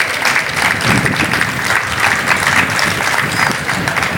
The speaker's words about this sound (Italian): Applauso.